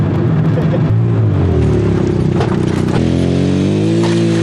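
A three-wheeled motorcycle is ridden before dawn, after a night of snow, toward the frozen lake ice where fishing nets are laid. Its engine drives along with a loud, steady droning rumble, pitch dipping then climbing midway as the revs change. No voices are heard.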